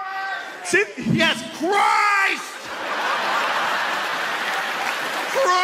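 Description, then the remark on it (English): A crowd shouts out the answer "Christ" together, voices overlapping in loud yells, then breaks into sustained applause and cheering that fills the rest of the moment. “Anybody, yell it out.”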